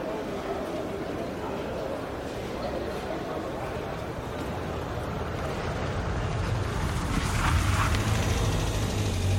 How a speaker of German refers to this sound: Ja, und wenn man noch ein paar Geräusche hinzufügt, so wie Schritte, Kleingeldgeklimper, ein Auto und eine Menschenmenge, dann könnte sich eine Hörspielszene so anhören.